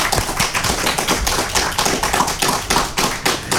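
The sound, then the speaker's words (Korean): An audience claps steadily for a few seconds for a pianist and a flutist after their performance. It is a dense, crackling patter of many hands with no voices over it, holding an even loudness throughout. “다시 한번 여러분 큰 박수 보내주시기 바랍니다.”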